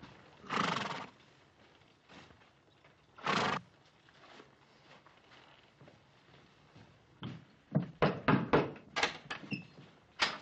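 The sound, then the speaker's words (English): Several horses ridden by a detail of soldiers approach and halt, with a cluster of hoofbeats growing louder toward the end, and loud whinnies break out near the start. No one speaks. “Detail, dismount. Stand to your horses.”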